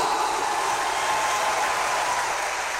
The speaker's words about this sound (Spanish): Nuevamente el aplauso.